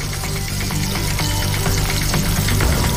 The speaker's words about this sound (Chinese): 腊肉切片，入锅爆香